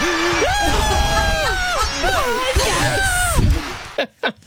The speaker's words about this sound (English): Hi, I waited 31 years to pass GCSE maths at foundation at the age of 47 last November. Do you know what? That deserves a cheer.